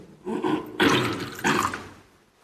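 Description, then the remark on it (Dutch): A small amount of water is poured into wine in a chalice, a brief trickling splash in two or three short bursts that fades out, with no one speaking. “Water en wijn worden één gedeeld, ons mens zijn en neemt ons op in uw goddelijk leven.”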